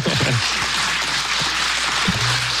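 A crowd claps steadily, a dense patter of many hands, with a few brief vocal sounds or cheers rising faintly beneath the applause, applauding musicians who have just played a song.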